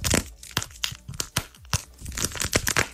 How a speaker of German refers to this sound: Okay, und jetzt dann das dritte ist ein Squishy eingepackt in Nagellack.